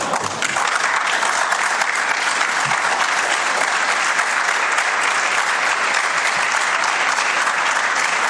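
Sustained applause from a large audience, steady and dense throughout, a continuous wash of many hands clapping without any voices standing out.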